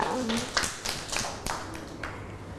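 Hands clap for a young child in a short, loose burst of sharp slaps spaced unevenly across a couple of seconds, moderately loud, with a faint voice murmuring underneath.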